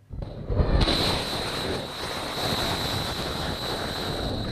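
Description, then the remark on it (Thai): Footage released by US Central Command (CENTCOM): a sudden loud blast gives way to a sustained, rushing roar as a warship fires missiles at targets in Iran, with wind buffeting over the churning sea and no voices. “กองบัญชาการกลางสหรัฐหรือว่าเซนคอมเผยภาพเรือรบยิงขีปนาวุธพุ่งเป้าโจมตีอิหร่านหลังเปิดเผยว่าได้เริ่มโจมตีเพื่อป้องกันตัวเองเพิ่มเติมต่อเป้าหมายหลายแห่งในอิหร่าน”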